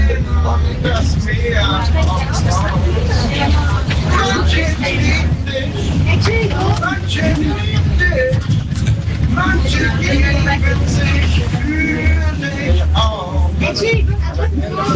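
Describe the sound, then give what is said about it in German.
A bus driver sings loudly and continuously over the steady low rumble of a moving X35 city bus engine, with faint background chatter from passengers throughout. “…, Radio Hamburg-Hörer und der legendäre singende Busfahrer auf der X35.”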